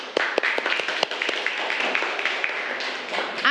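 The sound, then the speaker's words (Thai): A group of students in a classroom applauds a classmate, many hands clapping in a dense, uneven patter with sharper individual claps standing out, steady in loudness for a few seconds. “เชิญค่ะนั่งค่ะปรบมือเพื่อนก่อนเร็ว”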